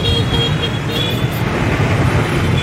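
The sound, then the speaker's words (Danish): On an Anthony Bourdain travel show, scooters and other motor traffic stream along a street where food is eaten from a bowl, in a steady, unbroken engine drone, with a constant low rumble and a few faint higher whining tones running through it. “Sitting in the street, eating something out of a bowl that I'm not exactly sure what it is. Scooters going by.”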